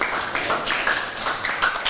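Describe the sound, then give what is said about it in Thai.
A group claps steadily in applause for group three, a dense, even patter of many hands filling the whole moment without a break or a spoken word. “นะครับปรบมือให้กลุ่มที่3หน่อยครับ”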